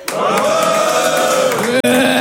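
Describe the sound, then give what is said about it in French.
A large audience of boys cheers and shouts when called on to make noise, a loud, sustained roar of many voices blending into one continuous yell that breaks off for an instant near the end before surging back. “Les filles, faites du bruit pour moi.”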